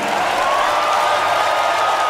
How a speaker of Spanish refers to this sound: Fuerte el aplauso